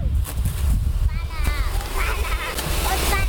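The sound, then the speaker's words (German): Water from a fire hose gushes and splashes in a steady, loud rush throughout, during a fire safety lesson for kindergarten preschool children in Weißenborn, with high-pitched children's voices calling out faintly over the noise. “Und? Was jetzt? Wasser halt, genau.”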